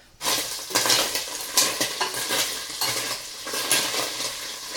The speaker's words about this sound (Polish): A tak najpierw idzie sos z pomidorów, cebulka się gotuje, dusi jako pierwsza w tym sosie i z mięskiem, a pomidorki idą na sam koniec.